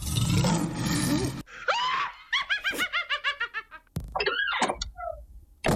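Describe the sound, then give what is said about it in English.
Three sound effects in quick succession: a rough, growling lion roar, then a witch's high, rapid cackling laugh, and finally a creaking closet door swinging open. No one speaks. “A lion, a witch, and a closet.”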